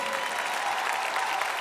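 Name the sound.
audience applauding an orchestra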